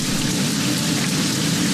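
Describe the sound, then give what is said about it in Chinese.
Steady rain falls in a dense, even hiss that stays constant throughout, with a low rumbling undertone and no voices. “雨来了，雏鸟们乖乖等候着妈妈。”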